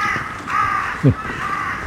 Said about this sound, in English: Finally managed to see carrion crow.